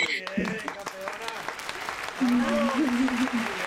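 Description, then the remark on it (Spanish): Dense, steady applause from a group claps on throughout for a Pan American track champion and world-record holder welcomed on the sports show All Sports, and partway through a voice calls out over the clapping. “Sí, qué pena, qué aplaudir a Manuela.”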